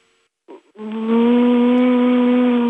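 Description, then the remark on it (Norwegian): A voice imitates a car engine with an automatic gearbox shifting gears: a brief sputtering start, then a loud, sustained buzzing drone held at a steady pitch, with no other talking. “Du må løsrive deg helt fra den tanken nå, og så må du bare tenke, nå jeg en bilmotor.”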